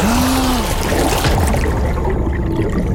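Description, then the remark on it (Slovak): Icy-cold water trickles and gurgles steadily, a continuous wet babble with a couple of brief low gliding burbles, and no voices. “Nebuď v tej vode tak dlho!”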